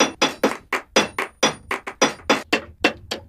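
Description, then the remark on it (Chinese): Rapid, ringing hammer blows strike metal as a craftsman hand-forges a Tibetan knife in a steady rhythm, about thirteen loud metallic clangs in just over three seconds, each with a bright, shimmering decay and no voices. “现在，工业流水线生产的藏刀充斥市场，手工锻造就显得尤其珍贵。”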